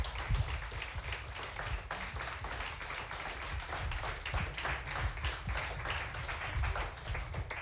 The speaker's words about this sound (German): Dann bitten wir unsere Finalisten nochmal unter Applaus hier nach vorne noch einmal.